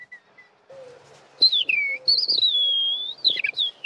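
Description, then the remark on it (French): A person whistles an imitation of a male skylark's song as it ascends: high, sliding, warbling phrases with quick trills, fairly loud, over a faint low hum, with no talking. “Là, on entend l'alouette et vous voyez, il est obligé de bouger un petit peu. Il devient oiseau.”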